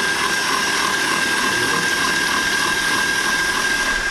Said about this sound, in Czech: Rozbijeme si naše 3 vajíčka. K ním si nasypeme cukr krupice a půjdeme šlehat. Vezmeme si balonovou metlu do robota na nejvyšší otáčky a pak 10-15 minut, ať se nám to šlehá.